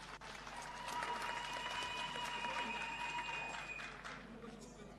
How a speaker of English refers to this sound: Yes, let's give him a round of applause.